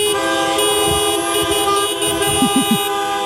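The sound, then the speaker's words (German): A dense chorus of car horns honks continuously and loudly, many overlapping tones sustained at once, cars blaring together in celebration of the A40 motorway reopening after a week-long closure. “wenn Autos applaudieren könnten, würde sich das dann so anhören?”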